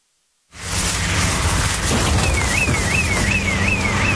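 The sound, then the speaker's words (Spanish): A car speeds by with a loud rushing whoosh and a low engine rumble that holds steady for several seconds, while a faint, rapidly warbling tone rises partway through. “¿Escuchaste eso? Sí. Otro auto menos. Así de rápido está pasando la liquidación de Servimac.”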